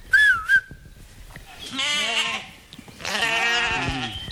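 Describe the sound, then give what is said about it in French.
Grazing ewes, kept to maintain the land, bleat twice in long, quavering, nasal calls, the second louder and longer, after a brief high whistle-like tone at the start. No one speaks. “Et puis on voit revenir une pratique ancienne, faire pâturer des brebis pour entretenir les terrains.”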